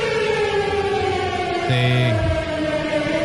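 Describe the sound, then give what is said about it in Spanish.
An emergency warning siren in the United States wails loudly and steadily throughout, a sustained layered tone with no talking, and a brief extra blaring tone cuts in about halfway through. “Y así te avisan en Estados Unidos. Con crudeza.”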